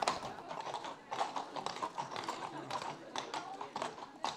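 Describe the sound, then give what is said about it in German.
Horse hooves clip-clop in a steady, quick rhythm of sharp knocks, moderately loud, with faint indistinct voices in the background. “Ob die Pferde die Musik wegstecken und wie panisch sie reagieren, wenn die richtig auf die Trommel hauen.”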